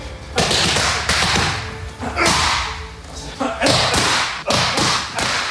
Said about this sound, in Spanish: Hay que tener bien fuertes las muñecas y las palmas de las manos para soportar estos puñetazos de Topuria.